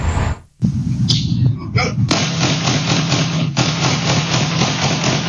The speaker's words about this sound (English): A barrage of gunfire ringing out in a Miami Gardens neighborhood around 2 p.m. Thursday. Then I just hear like a shower of bullets. So it's boom, boom, boom, boom, like seven times. Just pa, pa, pa, pa.